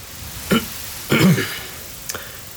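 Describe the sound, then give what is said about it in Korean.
A man awkwardly clears his throat on spotting the sign of Seungbeom Korean medicine clinic in a second-floor window: a short cough-like burst, then a longer, voiced rasp, followed by a faint click. “2층 창에 승범 한의원 간판을 발견하자 머쓱한지 헛기침을 했다.”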